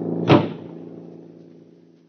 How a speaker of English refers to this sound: And after I heard the shots, I don't remember anything more. I guess they threw me out of the car.